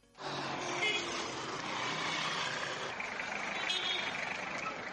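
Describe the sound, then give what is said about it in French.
Busy street traffic rumbles steadily in the early morning, a continuous wash of passing cars, motorbikes and trucks coming and going, engines droning and rising, with no clear gaps. “Véhicules, motos et même camions vont et viennent.”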